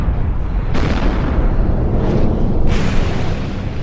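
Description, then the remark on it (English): A loud, continuous rumbling roar of the 1815 eruption of the Mount Tambora volcano in Indonesia, dense with deep low-end energy, with sudden explosive surges breaking through near the start and again toward the end as the ground rumbles and shakes. No voices. “The explosion was enormous. The ground rumbled and shook, lava rolled down the sides of the mountains, and a huge cloud of dust, ash, and gas shot up into the sky.”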